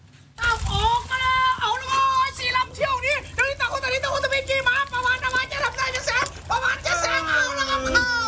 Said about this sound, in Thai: จะเรียกว่าเป็นการจำลองแข่งขันเรือยาวก็ไม่ผิดนะครับเพราะว่าทรงคล้ายๆกันเด็กๆก็พากเสียงเชียร์เหมือนแข่งเรือยาวครับแต่ว่าเรือลำน้อยนี้เรียกกันว่าเรือไม้ดีดหนังยางแบบท้ายตัด